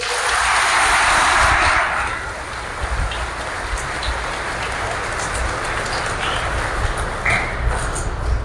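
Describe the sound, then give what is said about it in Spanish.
A crowd claps for God steadily for several seconds, a dense, crackling wash of applause that starts loudest and then settles into a sustained, even patter with no talking over it. “Un aplauso a Dios.”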